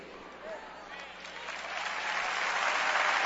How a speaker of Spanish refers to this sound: Te pedí que aplaudieras. ¿Por qué aplaudiste?